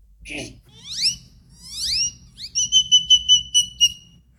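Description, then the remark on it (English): A person whistles an imitation of a great-tailed grackle: a few rising, sweeping whistles followed by a rapid series of high, pulsing piercing notes, loud over a quiet background. “Can you give us some of the gray-tailed gackle? Grackle.”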